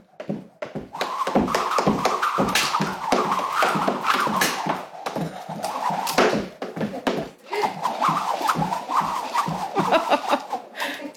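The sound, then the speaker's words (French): A Sam's Jump plastic jump rope whips through the air in a fast, steady rhythm, each pass a sharp airy whoosh over a continuous whirring hum, staying loud throughout. “C'est vraiment le son de la corde à sauter de Sam Jump, qui n'est pas du tout une corde à sauter comme je l'imaginais”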